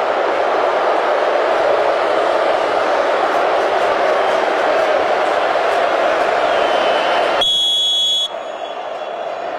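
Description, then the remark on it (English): A huge stadium crowd at a football game between the Cowboys and West Virginia roars loudly and steadily for several seconds, a dense wash of cheering, before a sharp tonal buzzer cuts in briefly near the end. “That was loud. Sorry about that.”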